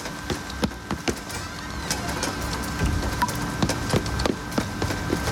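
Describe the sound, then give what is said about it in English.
Steady rain hisses throughout, with irregular sharp patters and drips tapping on hard surfaces. No voices, just the continuous wash of falling water. “It started to rain, just like in a cutscene.”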